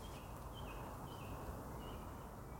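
A blackbird sings faintly at a tent campsite, a few short whistled phrases repeating over a steady hiss of outdoor background noise, with no voices present.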